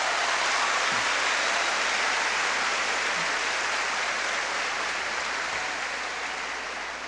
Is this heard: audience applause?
yes